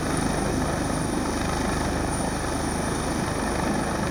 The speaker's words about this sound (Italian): Nel pomeriggio, poco prima delle 5, quando le speranze di ritrovare il ragazzo erano sempre minori, un sommozzatore si cala in acqua dall'elicottero della Guardia Costiera e si assiste a un'immagine incredibile.